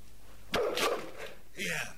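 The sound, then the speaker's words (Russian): A dog barks twice, short sharp woofs about a second apart, loud against a quiet background. “А собака не кусается?”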